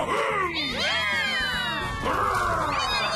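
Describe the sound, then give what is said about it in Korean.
Several kittens meow in high, overlapping cries, fairly loud, one mew sliding up while others chime in steadily for a few seconds with no talking. “날뛰기만 했던 타이건이 아기 고양이들이랑 놀아주다니.”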